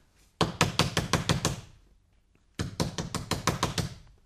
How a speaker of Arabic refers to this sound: سأعاود طرق الباب عليه.